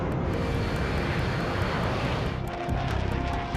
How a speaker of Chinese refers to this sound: 首长，他们好像来了，能听到飞机的轰鸣声， 听到声音，可是看不见他们。